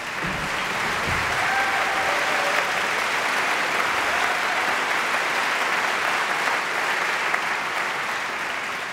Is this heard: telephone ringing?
no